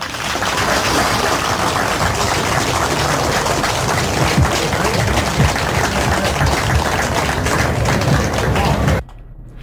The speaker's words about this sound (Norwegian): Og så er det fint om nå tenker dere på sin plass og gir dere alle en stor applaus.